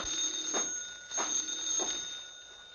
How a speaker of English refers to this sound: I think that's your phone. I'll answer it. I wouldn't dream of it, my dear. I'll go.